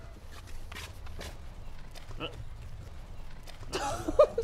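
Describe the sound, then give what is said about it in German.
Quick, uneven hoofbeats of a young female donkey foal running on hard ground, a string of soft thuds and scuffs over steady outdoor background noise, ending in a louder rustling burst. “Die rennt einen noch über den Haufen.”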